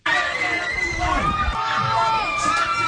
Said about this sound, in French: ces cris de joie ont résonné bien au-delà des rues de Yaoundé.